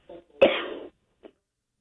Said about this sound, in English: Go ahead and clear your throat there